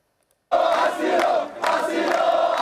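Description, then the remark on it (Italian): A large crowd of migrants chants loudly in unison at an improvised demonstration on El Trampolín beach in Ceuta, demanding the right to asylum and refusing to return to Morocco; voices rise together after a brief silence, dip, then swell again in a second shouted phrase. “Vogliono il diritto d'asilo, ripetono in coro, non torneranno in Marocco.”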